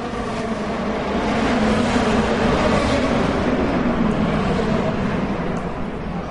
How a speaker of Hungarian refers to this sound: Az amerikai kormányzat és múzeumi negyed hatalmas épülettömbjei jócskán visszhangozták és visszaverték az egyenként akár 800 lóerős motorok hangját.